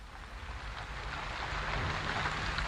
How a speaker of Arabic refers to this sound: بدأ المطر يسقط. إنه يطفئ الحريق ويغطي على الرماد.